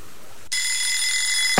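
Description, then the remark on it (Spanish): After a brief quiet moment, an alarm clock bursts into a loud, shrill, continuous ring that lasts about a second before cutting off with a sharp click. “Hay un despertador que suena antes que el sol.”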